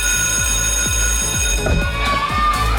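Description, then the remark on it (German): A school bell rings loudly and continuously at schools from Nördlingen, Donauwörth and Neuburg to Augsburg, Königsbrunn and the Unterallgäu on the last day before the summer holidays, a steady metallic ringing with bright, sustained tones, with some rumbling commotion mixed in underneath. “Tür auf und raus. Ganz genau. Also heute noch Zeugnis abholen und dann geht's für die Schülerinnen und Schüler auch schon wieder ab nach Hause.”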